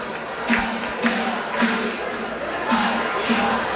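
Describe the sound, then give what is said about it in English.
A lively crowd at a baseball ballpark during a night game roars steadily, with rhythmic bursts about twice a second like fans clapping or chanting in unison, a dense wash of voices filling the background. “And this crowd, all night long, has been lively. They have been excited.”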